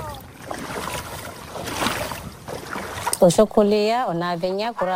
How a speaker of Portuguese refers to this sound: Primeiro caminha na água, revolvendo a areia com os pés.